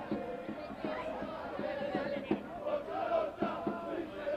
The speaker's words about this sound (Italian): In sottofondo continuate a sentire i tifosi del Taranto.